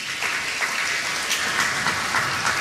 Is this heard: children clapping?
yes